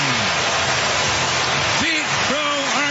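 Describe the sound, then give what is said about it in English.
A dense, steady roar of a big baseball crowd cheering a 435-foot leadoff home run to right center field in the first inning off Reds pitcher Andrew Abbott, with individual shouts swelling and falling over the wash of noise toward the end. “Listen to this crowd.”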